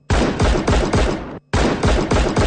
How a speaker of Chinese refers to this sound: 一串邪恶的枪声过后，谭启文和他的11名战友永远倒在了这片苦难深重的土地上。